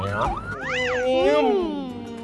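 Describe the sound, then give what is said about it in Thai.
A voice imitates a police or ambulance siren with a wavering, rising-and-falling wail that swoops up in pitch and then slides down, fairly loud, lasting a couple of seconds. “เสียงที่ออกจากรถตำรวจรถพยาบาลหรือเสียงไซเรนนั่นเองเนาะเราจะสังเกตได้ว่ารถกำลังวิ่งเข้าหาเราเสียงจะแหวมนะแล้วพอมันวิ่งหนีเราไป”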